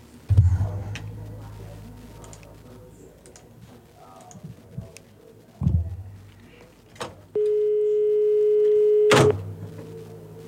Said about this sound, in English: Sorry, phone was ringing. Disregard that.